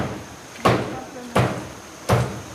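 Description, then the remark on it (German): Three heavy, sharp chops land at a steady interval of roughly three-quarters of a second, each a loud dull thwack with a brief ring: two men cutting up a large deer, shot that morning, with a machete on a heavy wooden table in the village of Tendo. “Als wir nach 25 Kilometern im Dorf Tendo ankommen, sind laute Hackgeräusche zu hören.”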